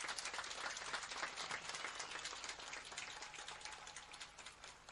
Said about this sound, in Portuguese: Encerramos esta edição do festival, sobretudo dirigindo uma palavra de reconhecimento a todos os participantes. Queremos pedir uma salva de palmas a todos os desportistas aqui presentes.